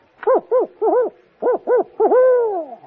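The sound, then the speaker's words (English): A person imitates the hooting of an owl in good humor with a quick series of short, rounded hoots and a final drawn-out hoot that slides downward, clear with no other talking. “Well, when an owl is in good humor, he goes like this.”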